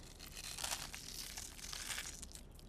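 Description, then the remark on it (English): Flaky salt being crushed between fingers, a soft crackle of fine gritty crunches that runs continuously for a few seconds with no talking. “Need a crunch of salt.”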